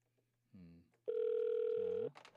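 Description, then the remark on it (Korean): A steady electronic ringback tone sounds for about a second, a single sustained mid-pitched beep, with brief voice sounds before and after it, as a phone call is placed to a church deaconess who does not answer. “근데 권사님이 전화를 안 받으시네.”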